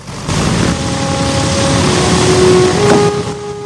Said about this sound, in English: He closes the window, and the plane is waved off the hard standing. The wheels slowly turn, and the aircraft's nose seems to lollop as the B-17 pulls away. Other planes begin to taxi off.